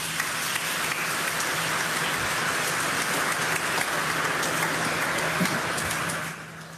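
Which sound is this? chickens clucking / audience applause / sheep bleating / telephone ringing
audience applause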